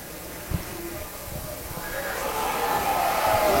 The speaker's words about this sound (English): Yeah, you can maybe hear the crowd there moaning a little bit, but I agree with you. I think the pitch was low.